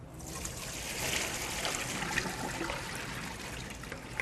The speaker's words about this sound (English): Okay, now we're going to thoroughly wash our spinach. Rinse them through cold running water. Okay, so you wanna gently toss the spinach around in the water, and then we're going to strain it.